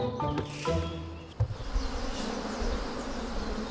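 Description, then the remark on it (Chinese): A dense swarm of honeybees buzzes steadily throughout, during colony splitting in a mountain forest on a sunny day at noon. A thick layered hum with many overlapping wingbeats, moderately loud, with no voices present. “蜜蜂喜阴凉，午时刺热的阳光照射丛林，这正是分蜂的好时机。”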